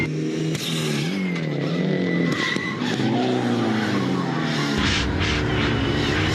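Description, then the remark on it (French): A car brakes hard, its tires skidding and squealing in a long, loud, wavering screech over a deep engine rumble that lasts the whole moment, as the brake pedal is pressed with great force. “Par contre, au niveau du freinage, il faut appuyer comme un malade sur la pédale. Il faut vraiment mettre beaucoup de force. Et ça freine vraiment super bien.”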